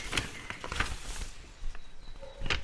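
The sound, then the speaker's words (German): A stack of papers, a list printed by an old dot-matrix printer, is slid out of an opened envelope with several short, crisp rustles and scrapes spread over a few seconds, fairly quiet, with no voices. “Ein Stapel Papiere kam zum Vorschein.”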